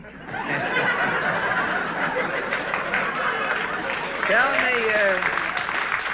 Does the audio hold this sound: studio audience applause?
yes